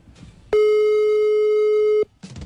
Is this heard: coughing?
no